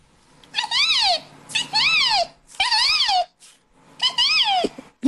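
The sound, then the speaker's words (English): A 12-year-old boy, who can imitate 115 different bird calls, vocally imitates a bird call: four loud, high, arching whoops that rise and fall in pitch, evenly spaced with short pauses between them and no other sounds. “This is the story of a 12-year-old who can imitate 115 different bird calls.”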